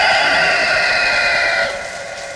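A loud, drawn-out rooster crow with a bright, strained tone, holding steady before trailing off into a weaker tail near the end.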